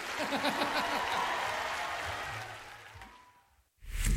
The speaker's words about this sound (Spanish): El aplauso, le damos un aplauso, otro aplauso